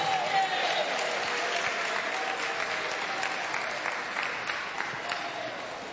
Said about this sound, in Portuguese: Quem aplaude a Jesus e dá glória a Deus.